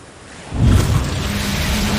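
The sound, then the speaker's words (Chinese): Broad, rushing roar of ocean waves with strong wind at sea, swelling up after a quiet half-second into a steady, loud wash with deep low rumble; no voices. “除此之外，大海之上天气、海况都非常复杂，邮轮需要一年四季在海上航行，难免会遇到大风大浪。”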